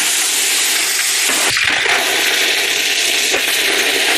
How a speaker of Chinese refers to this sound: 将已初步打磨光亮的刀身重新入炉，进行最后一次精准淬火。